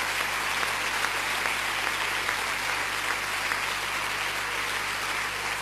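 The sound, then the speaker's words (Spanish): A church audience applauds together for the Lord, a dense, steady wash of many hands clapping at an even level for several seconds without letting up. “Un aplauso al Señor.”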